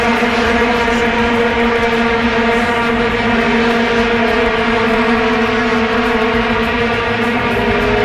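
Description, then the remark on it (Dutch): A dense, unbroken drone of many vuvuzela horns blaring together on one buzzing low note, loud and steady throughout like a swarm of bees, with no speech; the instrument of the 2010 football World Cup in South Africa. “Klinkt zoals een stel bijen, maar het is de vuvuzela en het wordt het toernooi van opnieuw een dramatische WK-finale voor Nederland.”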